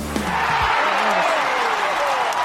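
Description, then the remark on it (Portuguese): A loud, sustained round of applause for the crew of the Clube da Música program fills the whole stretch, a dense crackle of many hands clapping, with a brief low tonal swoop near the start. “Palmas para todos de uma vez só, amigo, por favor.”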